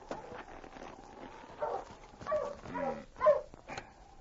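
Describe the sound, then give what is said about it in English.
A husky from a dog sled team gives a few short, excited barks and whimpering whines in quick bursts, moderately loud, over a faint steady background hiss with no talking. “Well, King, hold your husky. Watch him, boy.”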